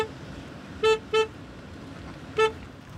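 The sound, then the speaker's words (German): A car horn honks three times from behind a cattle drive, two quick toots close together and then a third after a pause, over a low rumble of outdoor noise. “Ah, Mann, der soll mal aufhören zu hupen da hinten.”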